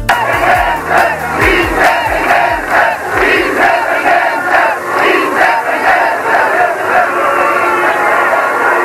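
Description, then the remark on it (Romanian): A crowd of hundreds of thousands at the 1991 Great National Assembly shouts in unison for freedom, a dense, roaring wall of voices with rhythmic surges of chanting that rise and fall steadily throughout, loud and unbroken. “Astea erau strigătele sutelor de mii de oameni veniți la Marea Adunare Națională din 1991.”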